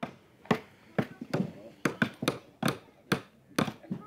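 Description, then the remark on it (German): Nails being hammered into wood by young girls building a raft: about nine sharp, loud knocks at a steady, roughly half-second rhythm, with faint voices murmuring underneath. “Man braucht Nägel und Holz und einen Hammer.”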